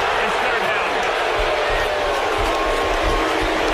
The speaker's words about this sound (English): And the sellout crowd here at Death Valley, not happy with that, but I think that's the appropriate call.